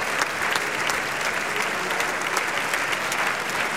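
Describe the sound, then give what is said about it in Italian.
Sustained applause from the audience of the Costanzi theatre as the performers come forward for a second time to take their applause, a dense steady clatter of many hands clapping at an even loudness throughout, with no voices standing out. “tutti quanti adesso si avanzano per la seconda volta a prendere gli applausi del teatro.”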